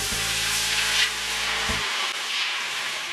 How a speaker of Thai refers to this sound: กระทะทองเหลืองตั้งเตาเทเอาน้ำเปล่าลงใส